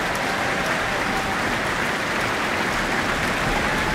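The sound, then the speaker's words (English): Sustained, dense applause from a large audience at the close of an Auckland Philharmonia concert of Spanish music, for conductor Pablo González, a steady wash of many hands clapping at an even level throughout, with no voices standing out. “Pablo González, with his hands open to the audience, receiving their warm applause.”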